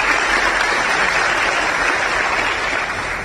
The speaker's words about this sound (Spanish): Muchas gracias por estar presente acá y realmente un aplauso.